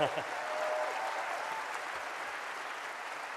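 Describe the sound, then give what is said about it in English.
Steady applause from a crowd for the deputy leaders Rachel and Mothin fills the whole stretch, a dense, even patter of many hands clapping at moderate loudness, with no voices rising above it. “Rachel, give them a clap.”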